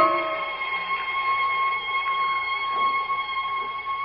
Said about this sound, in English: The night is quiet outside, except for the tinkle of that far-off bell. There's a kind of peace.